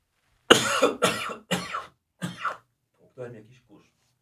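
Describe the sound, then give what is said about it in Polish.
A coughing fit: four loud, harsh coughs in quick succession about half a second apart, followed by a couple of fainter, throaty coughs as the fit dies down. No talking. “Słuchaj, może potrzebujesz po prostu wykasłać pomocy?”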